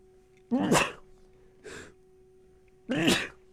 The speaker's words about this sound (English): I'm about to sneeze, so give me a second.